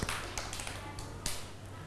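Several children in a class clap for a classmate at the teacher's request, in a loose, uneven patter of soft, sharp slaps, with one louder clap standing out near the end over a steady low hum.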